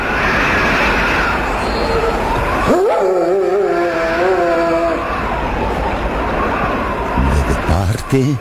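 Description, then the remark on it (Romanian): A dog lets out a single drawn-out howl, rising and then holding steady for a couple of seconds, over a constant rushing roar like strong wind. “Se auzea urletul unui câine.”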